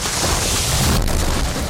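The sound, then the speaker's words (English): A tree being cut down by a yard worker crashes onto a car: a loud, rumbling low boom with crunching noise throughout and a sharp crack about halfway through, with no voices. “My yard guy said he could cut down this tree, but now I've got a tree on my car.”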